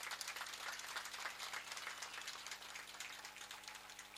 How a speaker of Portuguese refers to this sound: Queremos pedir uma salva de palmas a todos os desportistas aqui presentes.